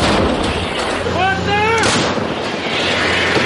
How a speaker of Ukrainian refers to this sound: Ось так, «Цезар» 8x8 148-ї окремої артилерійської бригади ДШВ відпрацьовує по ворогу на Олександрівському напрямку. Дуже чітко, швидко та точно.